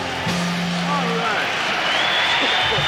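A live audience applauds in a steady, dense wash of clapping, with scattered shouts and cheers rising over it throughout.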